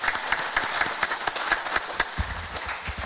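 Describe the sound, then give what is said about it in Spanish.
An audience applauds steadily at the Basílica de Nuestra Madre, Tupacenca Acupé, in Paraguay on Children's Day, a dense wash of many hands clapping at once with a few sharper claps standing out, sustained throughout. “Yo creo que se merece un fuerte aplauso por el Día de los Niños en Paraguay.”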